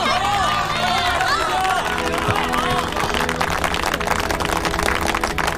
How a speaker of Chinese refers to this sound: 他是我们心中的大英雄，中国人的大英雄，我们要用热烈的掌声欢迎大英雄。